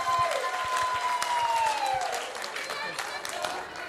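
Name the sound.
applause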